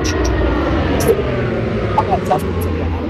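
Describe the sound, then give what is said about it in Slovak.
A Black Hawk military helicopter roars overhead during a wreath-laying ceremony at a military cemetery, its heavy low rotor thump and engine drone steady and loud throughout, with faint voices briefly audible underneath. “Aj sa počujete práve pred pár sekundami nado mnou preletel helikoptera Black Hawk.”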